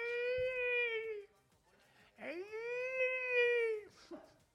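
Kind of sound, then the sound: vocal imitation, voice imitating whale song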